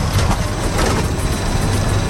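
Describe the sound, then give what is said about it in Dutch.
The engine of a small car with gull-wing doors runs steadily, a loud, continuous low rumble with a faint rattling texture and no speech over it. “Dan hoor je de motor.”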